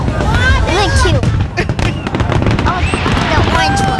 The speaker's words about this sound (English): What do you think of the fireworks?